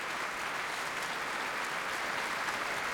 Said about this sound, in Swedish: Applåder efter urförandet av Molly Keynes, A Demon in the Sky, som vi har hört här med Radiokören och Sveriges Radios symfoniorkester under ledning av Andres Orozco Estrada.